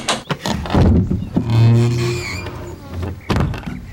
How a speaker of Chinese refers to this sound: 敲什么敲？敲什么敲啊？什么事儿？